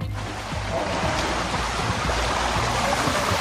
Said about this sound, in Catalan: La Riera de Mataró, per exemple, baixava amb força.